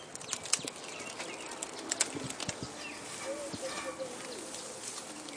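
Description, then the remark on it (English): Faint rustling and crackling of leafy twigs as an elephant at a zoo reaches its trunk through the enclosure fence and drags a branch of green twigs inside for a snack, with scattered sharp snaps and soft bird calls in the background. “If you listen really carefully, you can hear him pull the branch inside for a snack.”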